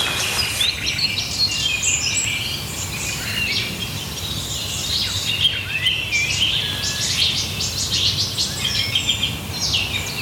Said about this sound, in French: C'est grave, c'est un chant grave quand même. Hein. Tu vois? Ça, c'est typique du rossignol Philomèle, ce départ-là.